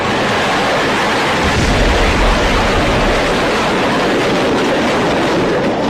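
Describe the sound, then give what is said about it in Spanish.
A loud, dense barrage of hundreds of rockets, firecrackers and other fireworks packed into a demon-head figure at a festival, going off out of control nonstop, the bangs and crackles blurring into a continuous roar of rapid bursts with no voices heard. “Esta cabeza demoníaca era la que estaba cargada con cientos de cohetes, petardos, palomitas y todo tipo de fuegos artificiales que debían activarse poco a poco a manera de entretenimiento.”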